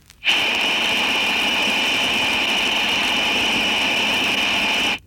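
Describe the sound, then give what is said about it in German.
A steady, shrill whistle of steam or air escaping through leaking valve gland packing, a sharp high tone over a broad hiss that starts abruptly, holds constant for about five seconds, then cuts off. “Geräusch Nummer 4, Number 4, lässt das grelle Pfeifgeräusch der undichten Stopfbuchse einer Armatur hörbar werden.”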